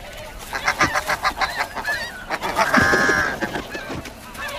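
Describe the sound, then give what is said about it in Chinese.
Snow geese honk in a rapid, repeated series of nasal calls, followed by a louder, drawn-out squawk and a few scattered honks trailing off. No voices are heard. “要想突破雪燕父母的防线，绝非易事。”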